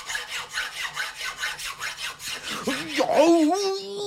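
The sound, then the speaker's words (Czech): A thin, sharp metal file rasps back and forth in a quick, steady rhythm of about a dozen gritty strokes, ending in a rising, wavering squeal. “A já vezmu ještě tenčí a ostřejší pilník, než byl ten první.”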